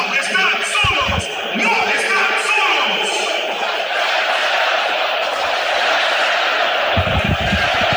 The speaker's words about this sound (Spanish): Hasta Venezuela, no están solos, no están solos. Bien a las gradas que gritan: no están solos a Venezuela.